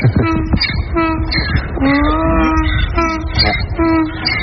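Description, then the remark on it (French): A donkey named Sirène brays loudly, a long run of rhythmic, wheezing hee-haw cycles that rise and fall repeatedly with no one talking. “On entend sirène là.”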